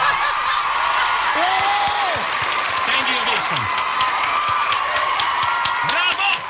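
A large crowd gives a standing ovation, applauding loudly and steadily throughout, a dense wash of clapping mixed with cheers and rising, swooping whoops, holding a constant level before easing slightly at the end.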